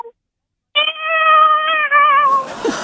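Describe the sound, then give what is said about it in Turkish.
A person imitates a tiny kitten crying for its mother with one long, steady, high-pitched mew lasting about a second and a half, fairly loud, then trailing into a breathy rasp. “Abi annesini çağıran yavru minik kedi.”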